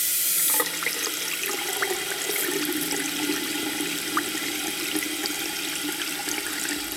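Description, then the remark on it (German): Water runs steadily from a tap with a constant rushing hiss that keeps an even level from start to finish, with no one speaking. “Heißes Wasser zu Ende.”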